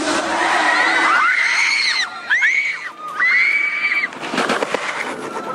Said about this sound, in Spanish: El carro quedó volcado en plena vía, los chicos sobre la calzada en medio de gritos y llantos.